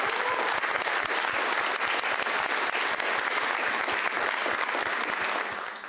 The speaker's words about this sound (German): Danke und bitte einen Applaus.